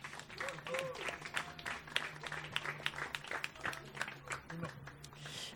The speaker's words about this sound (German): Einen Applaus bitte. Dankeschön.